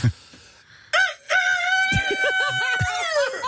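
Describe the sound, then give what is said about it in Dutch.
A person does a loud, drawn-out rooster crow imitation, the strained voice rising and wavering through a long cock-a-doodle-doo after a brief breath. “Ik kon altijd wel een haan nadoen.”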